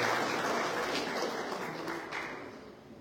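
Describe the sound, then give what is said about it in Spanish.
A crowd at a recognition ceremony in Coracora, Parinacochas province, applauds steadily as a symbol is presented, a dense wash of many hands clapping that stays strong for a couple of seconds before slowly tapering off. No one speaks over it. “Fuerte las palmas, fuerte las palmas.”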